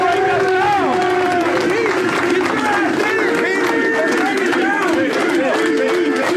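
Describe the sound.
A large NFL stadium crowd, an entire section cheering for one player, cheers and shouts continuously, a dense roar of many voices with rising and falling yells layered on top, loud and steady throughout.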